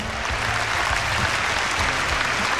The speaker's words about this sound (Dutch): Dik applaus.